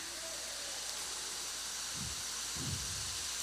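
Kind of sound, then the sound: nature, rain and thunder outside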